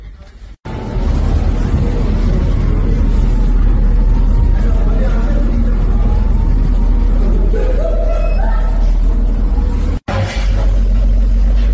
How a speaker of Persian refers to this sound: همونجور که میبینید ترافیک هم از سمت شیراز لار در جریانه به سمت بندرعباس و از اونورم از طرف بندرعباس هم در جریانه.